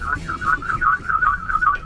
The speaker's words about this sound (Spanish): Ah, es el claxon.